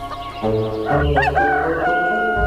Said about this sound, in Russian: В тот день петух, как обычно, проснулся очень рано. «Кукареку!» – закричал он.